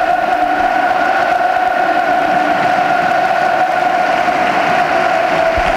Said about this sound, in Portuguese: E agora pelo aplauso dos adeptos do Futebol Clube do Porto e também dos jogadores aos adeptos.